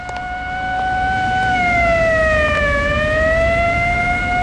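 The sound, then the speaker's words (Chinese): Loud, steady wailing sirens from police cars and military vehicles speeding along the streets of Jingjin sweep past, their pitch dipping briefly as they go by, over a low rumble of traffic with no talking. “京津街上的警车、军车拉着警报呼啸而过，老百姓见了一个个都惊恐万分。”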